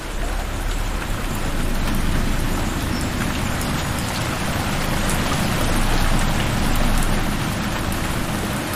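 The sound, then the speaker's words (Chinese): Heavy rain pours down steadily in a forested valley, a dense, even hiss spread across the whole range with a low rumbling undertone, holding loud and constant throughout with no voices. “这天，山谷中迎来一场大雨。”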